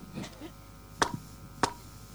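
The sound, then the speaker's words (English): Two sharp, bright hand claps ring out about half a second apart, each a crisp single slap against a quiet background with a faint murmur before them. “So let's hold on a second. Clap two.”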